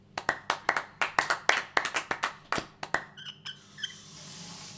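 Sharp, crisp hand claps in quick, slightly uneven succession for about three seconds, like a small burst of applause, then stopping; a few faint high chirps follow in the quiet.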